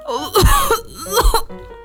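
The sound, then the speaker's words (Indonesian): A person acts out a tiger coughing and clearing its throat after getting water up its nose: two harsh, voiced bursts about a second apart, fairly loud, with rough vocal rasping between them and no speech. “Saat harimau sedang sibuk batuk-batuk dan membersihkan air dari wajahnya”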